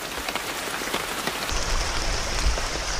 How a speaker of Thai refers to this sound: บนป่าเมฆยังเต็มไปด้วยความชื้นยังคงมีหมอกไหลไปไหลมาทั้งวันพอหมอกมาสักพักฝนก็จะตกหรือถ้าฝนหยุดไปแล้วก็ยังมีฝนที่ไม่ได้ตกจากฟ้าซึ่งเกิดจากหยดน้ำมากมายทั่วป่า